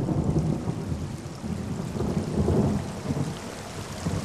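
Steady heavy rain hisses across the whole clip while low, rolling thunder rumbles underneath, swelling loudest around the middle and staying continuous without pause.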